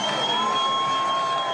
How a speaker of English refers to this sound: So here comes Academy trying to punch us in quickly. Crowd on their feet.